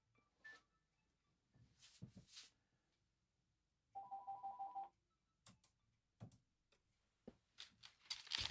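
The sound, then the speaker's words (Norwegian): A telephone rings once in a single warbling, rapidly pulsed burst lasting about a second, surrounded by scattered clicks, knocks and handling noises, otherwise quiet with no talking. “Nå ser det ut at han ringer først, så da venter vi litt med.”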